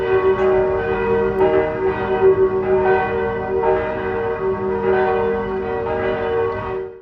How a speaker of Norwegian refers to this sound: en video hvor man kan høre kirkeklokkene